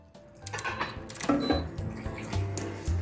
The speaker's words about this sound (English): So here we have some hot water, so I recommend the fathers pouring the hot water into our pans.